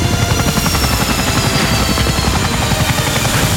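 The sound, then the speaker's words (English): A helicopter thunders overhead as it flies in to land, its rotor blades chopping in a rapid, steady rhythm with a low, loud whump and a whining engine. No voices. “And he lands that chopper there.”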